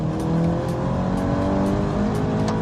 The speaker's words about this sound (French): Il y a un petit son moteur qui vient du moteur quand même, il faut le noter, en 2022, c'est plus très courant. Et on a un petit active sound qui vient des haut-parleurs.